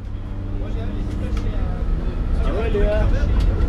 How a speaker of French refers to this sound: Nous sommes dans le bus, nous sommes partis du lycée Brioux de Bonnefond pour aller visiter l'exploitation d'un paysan meunier boulanger à Vieille-Brioude.